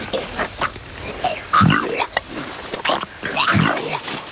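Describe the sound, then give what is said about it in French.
A Komodo dragon, about 3 metres long and over 100 kilos, regurgitates a goat: wet, guttural heaving and growling sounds, with two heavy, loud gagging surges separated by rasping, throaty noises. “Je régurgite la chèvre.”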